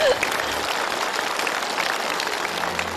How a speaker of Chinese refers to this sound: 我们再次用掌声祝贺他们同心团圆。